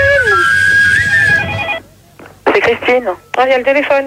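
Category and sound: signal or alarm, telephone ringing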